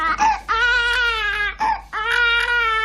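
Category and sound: human body sound, baby girl crying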